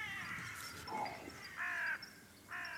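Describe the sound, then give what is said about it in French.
A carrion crow caws a few times outdoors, harsh, rasping calls spaced about a second apart, with a quiet background and no one speaking. “Et vous, sauriez-vous faire la différence, à l'oreille, entre deux corneilles ?”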